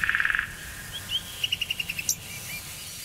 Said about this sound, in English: That bird doesn't sound like he's in any danger at all.